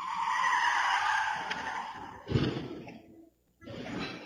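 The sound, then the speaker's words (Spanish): Car tires screech loudly for about two seconds as a speeding car brakes hard, then a heavy crash bursts out as the car falls from an upper road onto Avenida Mariscal Sucre in northern Quito on a Friday night, recorded by a security camera. The crash trails off into brief silence before a rumbling, noisy scene resumes. “En el clip se puede escuchar el frenazo y después un fuerte estruendo.”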